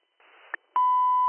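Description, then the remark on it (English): Fire dispatch paging tones, sent again to call more manpower to a call at 30 Elm Street: a hiss of radio static and a quick squelch click, then a loud, steady electronic tone that holds unbroken to the end. “Can you hit my tones again for more manpower as well? Copy, …. I'll retone you as well.”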